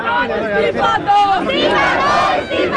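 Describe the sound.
A crowd of protesters at a protest site in Delhi shouts slogans together calling for Education Minister Dharmendra Pradhan to resign, many voices overlapping in loud, continuous chanting and yelling with rising and falling pitch throughout.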